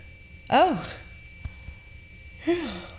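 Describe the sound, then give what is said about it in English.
A breathy yawn with a voiced, wavering pitch, followed a couple of seconds later by a shorter sighing exhale, with no speech and a quiet background. “Excuse my yawn. My brain needed oxygen.”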